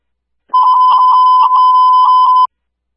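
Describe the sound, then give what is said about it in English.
A fire alarm sounds as a loud, steady electronic tone held for about two seconds, then cuts off abruptly. No voices or other sounds accompany it. “the fire alarm.”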